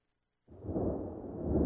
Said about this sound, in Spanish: Escucha los truenos.